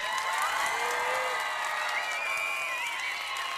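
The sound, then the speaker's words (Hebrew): A crowd of thousands at a live-broadcast singer themed evening in Gan HaEm, Haifa, cheers and applauds steadily outdoors, a dense wash of clapping with whoops and whistles rising above it, loud and sustained throughout. “אנחנו בשידור ישיר מגן האם בחיפה, בחסות כרמל צעיר ועיריית חיפה, מול קהל של אלפים, ואם אתם לא מאמינים לי, תשמעו אותם.”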